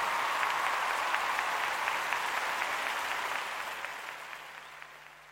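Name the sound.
audience applause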